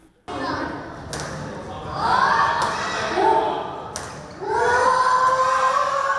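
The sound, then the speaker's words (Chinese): Several sharp badminton racket smacks ring out, then a crowd of children at an elementary school in Taipei bursts into loud, high-pitched cheering and shouting that swells and carries on to the end, after a child's precise smash catches badminton star Tai Tzu-ying off guard. “一手精准杀球，小朋友杀个球后戴资颖措手不及，精彩赛况现场爆出热烈欢呼。”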